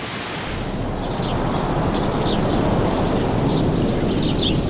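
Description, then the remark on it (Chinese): Steady rain falls on white storks, whose parents shelter their chicks under their bodies, in a dense, continuous hiss that fills the whole scene at an even loudness. There are no voices and a few faint high chirps above it. “即使下雨，白鹳青鸟也会轮流外出觅食。”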